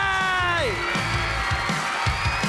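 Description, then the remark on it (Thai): A crowd cheers and claps steadily in support of the young contestants from Benchama Maharat and Triam Udom Noi Korat who advanced to the next round, with a loud drawn-out whoop sliding downward at the start, followed by scattered shouts over continuous applause. “ขอเสียงปรบมือนะครับเป็นกำลังใจให้กับน้องๆเบนจมะมหาราชด้วยนะครับรวมถึงสาวๆเตรียมน้อมโคราชที่เข้ารอบต่อไป”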